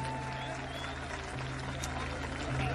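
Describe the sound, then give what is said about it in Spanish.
Steady audience applause at a festive event, a dense wash of many hands clapping at an even, fairly loud level, with a low hum underneath and a slight swell near the end. “El aplauso para ustedes de todo corazón.”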